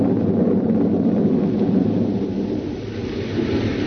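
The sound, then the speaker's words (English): A loud, continuous rumble of thunder rolls on without a break, deep and heavy, with a faint hiss of rain or wind beneath it and no voices. “There was thunder and lightning around me, too.”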